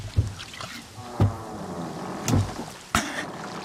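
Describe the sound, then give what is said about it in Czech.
Several hollow wooden thumps and knocks, irregularly spaced, as someone clambers into a fisherman's small boat at sea, with faint creaking and water lapping against the hull between them. “A přelez ke mně do člunu.”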